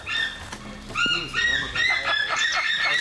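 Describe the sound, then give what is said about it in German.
A white-tailed eagle in Germany calls in a rapid run of high, yelping notes that grow louder and more insistent, with a faint low rumble of movement underneath. “Der schönste Seeadler, was in Deutschland steht.”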